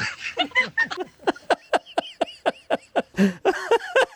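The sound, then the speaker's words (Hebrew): A person imitates a dog barking as an entry in a bark-imitation contest for a prize, letting out a rapid string of about a dozen short, sharp yaps in a steady rhythm, fairly loud, with no other talking. “אתה תכף צריך להחליט איזו נביחה לקחת מתנה.”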